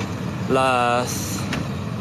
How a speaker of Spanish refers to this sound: las motos de la UTOP. Aquí lo que están las camionetas de la policía. No, hay varias. Y también las personas comunes, los de autos privados, ellos también ya están aquí. Aquí está la policía boliviana